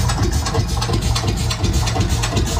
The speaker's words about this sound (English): Sure, so that's the Lanz Bulldog. The tractor.